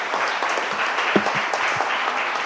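Steady, dense applause from an audience at a political gathering as the next speaker is welcomed, a continuous crackle of many hands clapping at an even, fairly loud level with no voices over it.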